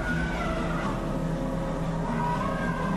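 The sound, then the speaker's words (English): Tires skid with a sustained, loud screech over a rumbling car engine, holding steady for about three seconds with no voices. “We got reports that a giant elephant, a Dinotherium to be exact, has popped his trunk and is jackknifing in traffic.”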